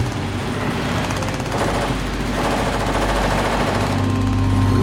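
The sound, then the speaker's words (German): A rope slips and rattles through a braking winch, a loud, continuous rapid clattering with a low mechanical drone underneath that swells slightly toward the end. “Passiert manchmal, da rutscht die Leine durch.”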